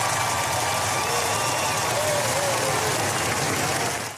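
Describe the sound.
A large crowd applauds the royal family as they appear on the palace balcony after a royal funeral, a dense, continuous wash of clapping with faint cheering voices mixed in, holding at an even, loud level for the whole stretch.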